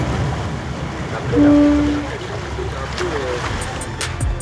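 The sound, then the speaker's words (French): A boat's low engine rumble mixed with the steady wash of waves, a brief droning tone swelling midway and a few sharp splashes near the end, with faint voices in the background. “Merci beaucoup pour votre accueil à bord de ce bateau parce que c'était vraiment une journée merveilleuse.”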